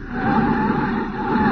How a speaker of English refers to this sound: All right, now I'll put on the brakes and ease the thing to a stop. There.